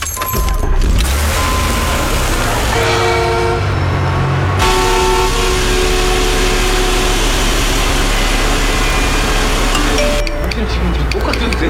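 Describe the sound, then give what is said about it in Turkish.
Busy road traffic with steady engine rumble and several car horns honking, some long sustained toots, fairly loud; voices talk underneath. “Başka bir yol bul, trafik olmayan.”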